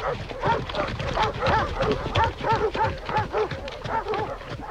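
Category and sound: animal, hunting dogs barking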